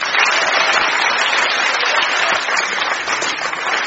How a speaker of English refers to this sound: so when the audience clap their hands, this round is over.